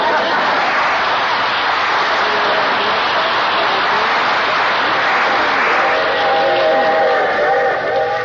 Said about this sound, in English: Boy, I hate these long train rides, especially to see that old gutter inspector.